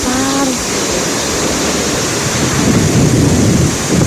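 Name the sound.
heavy rain downpour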